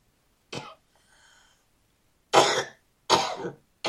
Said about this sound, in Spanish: Reprendo esta tos en el nombre de Jesús.